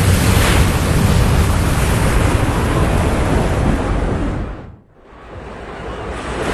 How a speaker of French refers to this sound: Un orage éclate, tu es projeté hors du bateau, tu essaies de nager mais les vagues gigantesques t'avalent.